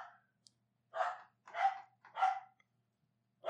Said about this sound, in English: Go away. Go away. She's barking literally at the door. Hey. I know, Shelby. Quiet.